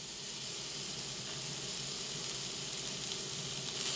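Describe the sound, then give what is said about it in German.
Fallow deer venison loin from the castle's own breeding, seasoned with pepper and salt, is seared hot in a pan by a head chef, with a steady sizzle and crackle, a bright hiss of fat spitting continuously for the whole stretch with no voices. “Dann darf der Hirschrücken in der heißen Pfanne scharf anbraten.”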